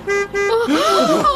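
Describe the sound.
Two short, loud car horn honks in quick succession from a vehicle, Paul Pauli's trophy transporter driving through the zoo gate, followed immediately by a voice speaking.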